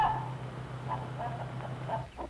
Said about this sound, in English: 2 months old chickens and almost grown up.